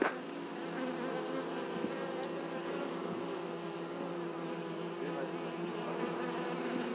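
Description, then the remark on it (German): A dense, steady hum of many honeybees buzzing around an open hive, a continuous droning swarm with individual bees passing by, no voices, lasting throughout at even loudness. “Also wie sind die Bienen drauf?”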